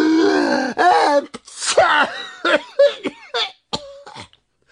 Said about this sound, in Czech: Jakmile je totiž ten prach zašimral v nose, oba bráškové naráz kýchli.